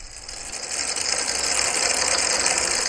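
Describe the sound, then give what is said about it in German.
A steady whir of fans mixed with a dense, continuous rattle of 10,000 table tennis balls skittering and clicking across a large hard surface, blown by fans standing on two sides in a sound art installation under the roof of a storehouse, building slightly louder, with no voices. “Auf einer großen Fläche sind 10.000 Tischtennisbälle verteilt. An 2 Seiten der Fläche stehen Ventilatoren.”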